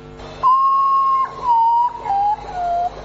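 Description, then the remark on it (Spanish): A potoo's mournful call: four pure, whistled notes, the first long and highest, each following one slightly lower and shorter, forming a slow descending series over a faint wash of running water. “El pájaro fantasma le dicen mucho, pero mételo miedo.”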